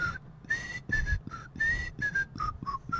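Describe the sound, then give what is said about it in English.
A person whistles a jaunty, tuneful melody, the theme song of a TV show that premiered in 1960, the clear notes rising and falling in short phrases with brief breaths between them, and no talking. “It was whistled.”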